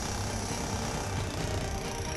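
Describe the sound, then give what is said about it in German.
Wooden boards being sawn by an @fire search and rescue team during an earthquake rescue exercise in the Wesermarsch, cutting through to reach a trapped casualty: a steady, dense, rasping grind at an even loudness, with a rough low rumble underneath and no talking. “Wir sägen hier so ein paar Bretter weg.”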